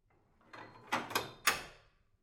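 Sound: door bolt sliding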